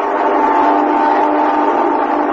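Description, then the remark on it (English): The midnight plane flying overhead over a building, a steady, unbroken engine roar with a faint whining tone running through it, holding at an even loudness throughout with no voices. “That's midnight plane now. I hear it every night that flies over the building where I work.”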